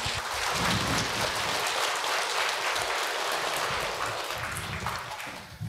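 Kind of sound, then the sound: crowd, audience applause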